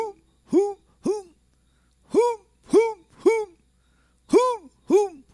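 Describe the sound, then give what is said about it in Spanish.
A voice imitates a tigress in the bush calling the male, with eight hoarse, moaning grunts that rise and fall in pitch. They come in uneven clusters of two or three with short silences between. “Parece tigresa en el monte, la tigresa cuando llama al macho.”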